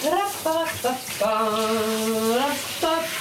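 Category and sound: household object, shower water running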